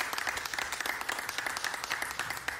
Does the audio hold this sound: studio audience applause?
yes